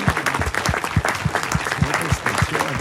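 A large audience at a book christening at the U Čápa na Louce guesthouse in Příchovice claps steadily, dense overlapping hand claps forming a continuous wash of applause that stays fairly loud throughout, with no voices standing out.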